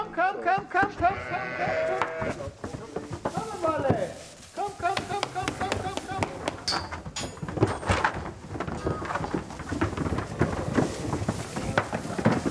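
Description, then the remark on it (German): A flock of pregnant sheep bleat loudly and almost continuously, many overlapping calls, with shuffling and occasional knocks or clatter underneath, after a 50-kilometre transport to a new, freshly bedded barn. “Alle Schafe sind wohlauf.”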